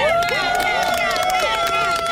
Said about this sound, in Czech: Teďka vlastně můžeme slyšet tady tleskání a všichni jsou nadšení.